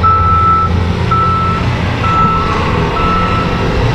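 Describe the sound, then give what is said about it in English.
Loud, steady downtown construction and traffic noise in the afternoon, east of a mosque, with people going about their day: a heavy truck engine rumbles while a reversing beeper sounds in repeated bursts over the continuous din. “Construction, traffic, and people going about their afternoon became louder than the prayer itself.”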